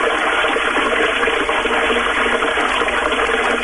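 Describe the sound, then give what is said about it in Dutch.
A toilet flushes too slowly with too little water, a steady, hissing rush that holds an even level throughout, a weak, drawn-out flow with no voices. “Het is te weinig water, hij spoelt te langzaam door.”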